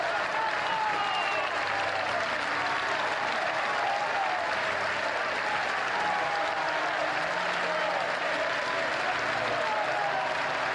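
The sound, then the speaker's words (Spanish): Sustained, thunderous applause from a large crowd, lasting over six minutes as Franco Baresi's coffin appears at the Basilica of Sant'Ambrogio, fills the whole stretch, a dense steady roar of clapping with faint voices mixed in. “Un aplauso cerrado y estrenduoso que se prolongó por más de 6 minutos rompió el aire.”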